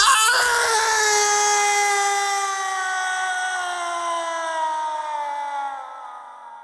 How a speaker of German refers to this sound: Ein unerträglich wirkender menschlicher Schrei durchdringt die Stille.